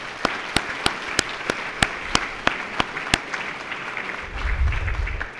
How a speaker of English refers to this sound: But anyway, for all of those that participated, I'd like to ask that we all give them a round of applause, please.